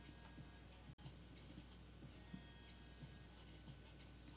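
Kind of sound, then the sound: household object, wall clock ticking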